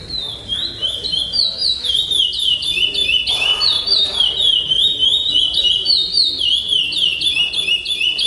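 A songbird trained in the Praia Grande melody sings loud and without pause at a birdsong contest, repeating bright, high whistled phrases in a quick, steady melodic pattern, with faint background noise underneath.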